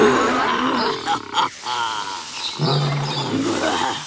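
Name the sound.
lion roaring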